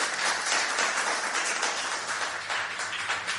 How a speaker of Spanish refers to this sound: Un fuerte aplauso para San Pedro del Pinatar.